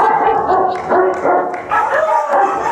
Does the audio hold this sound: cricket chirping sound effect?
no